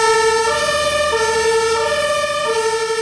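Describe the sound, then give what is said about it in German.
A loud two-tone emergency vehicle siren alternates steadily between high and low pitches, with a faint rumble of traffic underneath and no voices. “Die Ampel ist rot und von hinten kommen Einsatzfahrzeuge mit Blaulicht und Horn angerast.”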